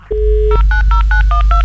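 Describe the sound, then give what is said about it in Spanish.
A dial-up modem dialing: a steady dial tone gives way to a quick run of about six touch-tone dialing beeps, evenly spaced and loud, with a low hum underneath and no voices. “Oiga, volvimos al módem.”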